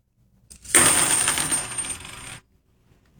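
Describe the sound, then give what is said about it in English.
Fifty 90% silver half-dollar coins are dropped onto a table in a bright, jangling cascade, clinking against the surface and each other for about two seconds before settling into silence. Fairly loud. “makes as it's dropped on the table and hits the table as well as hits the other coins”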